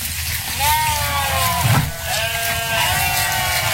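Goats bleat in overlapping, wavering cries that run almost continuously, a small herd calling with a brief louder burst near the middle.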